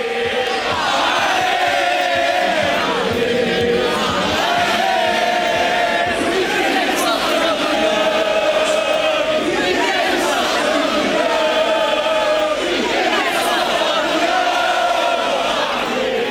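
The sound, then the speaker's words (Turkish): A large crowd of blue-and-white Porto football fans, celebrating their team's championship in Porto, chants loudly in unison, repeating a rising-and-falling phrase every few seconds over a constant roar of voices, sustained throughout. “Havai fişekler, meşaleler ve tezahüratlarla şampiyonluğu kutlayan Portolular sabahın ilk ışıklarına kadar eğlenceyi sürdürdü.”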